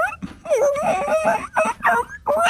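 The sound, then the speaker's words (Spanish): A person imitates whimpering puppies, producing a run of high, wavering whines in quick bursts with short breaks between them, fairly loud. “Ustedes lleguen como perritos”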